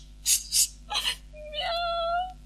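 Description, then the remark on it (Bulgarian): A few short, breathy whimpering bursts from a tomcat being shooed away, followed by a single drawn-out, plaintive meow that holds steady before fading. Fairly loud, with no talking. “Марш, мръсен котарак, марш тук!”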